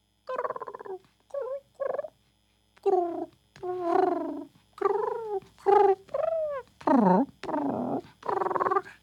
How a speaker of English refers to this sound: Playful kitty. Meow. Oh, the kitty's playing with all the birds.